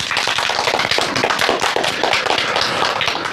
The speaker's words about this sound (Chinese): 同学们，让我们掌声有请今天的第二位思政辅导员胡小春老师，欢迎。